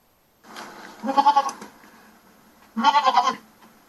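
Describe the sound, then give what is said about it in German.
A goat bleats twice, each call a loud, quavering, pulsing cry lasting about half a second, separated by a short pause, with no talking. “Liebe Ziege, warum bin ich so hässlich?”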